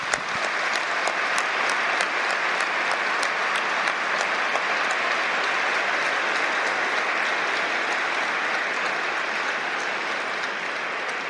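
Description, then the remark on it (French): A large crowd applauds in a cathedral after a new mobile console, symbol of the cathedral's restoration, is unveiled: a dense, steady wash of clapping that stays loud throughout, with a few sharper individual claps standing out at the start and no voices. “vient de dire que on va découvrir cette console, c'est fait, on va sans doute applaudir dans la cathédrale.”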